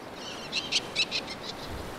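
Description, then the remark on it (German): A rapid series of sharp, high-pitched far-carrying calls of Eleonora's falcons at their inaccessible rocky breeding grounds during the breeding season, about eight repeated notes at a steady pace, peaking in the middle then fading, heard over faint background noise. “Während der Brutsaison kommunizieren die Vögel über weit hörbare Rufe.”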